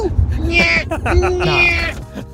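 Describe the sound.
A person mimics a bird call with their voice: two warbling, whistle-like cries in quick succession, fairly loud, over a low background rumble.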